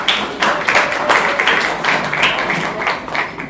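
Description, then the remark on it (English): A crowd claps steadily for several seconds, a dense, even patter of many hands with no voices on top, staying fairly loud throughout, applauding a speaker at an event held on 27 August 2025. “So, please, can we clap for him, please?”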